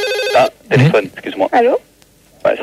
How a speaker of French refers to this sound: Téléphone, excuse-moi.